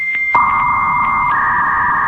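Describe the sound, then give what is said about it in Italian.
A 56K dial-up modem starts its connection with a click, then sustained electronic tones: a steady high whine over a lower hum, the upper pitch stepping slightly higher partway through. Loud, with no voices. “Oppure al gracchiare del modem 56K, come faceva Marcolino?”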